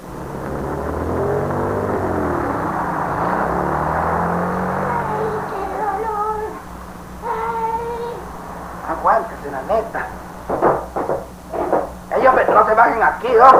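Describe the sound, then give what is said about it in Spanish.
A car engine rumbles steadily for several seconds in a queue of traffic, then fades back as voices talk over a quieter idling hum with bursts of higher sounds. “Y más con esta cola de carro.”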